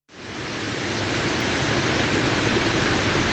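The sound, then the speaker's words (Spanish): A dense, steady roar of heavy rain pouring down, loud, rising quickly at the start and holding constant throughout, with no voices. “¡La ropa se vino el agua!”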